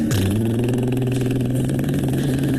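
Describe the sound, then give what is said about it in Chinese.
A motorcycle engine sputters to life as the assistant director gets on the motorcycle, then settles into a loud, steady rumble, its pitch sagging slightly as it holds a throaty idle for a couple of seconds. “副导演骑上了摩托车， 咔咔，砰， 油，砰。”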